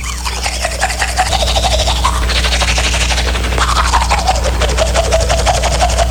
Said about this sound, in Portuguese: Ai, ai, é a hora que ela tá escovando os dentes, ó.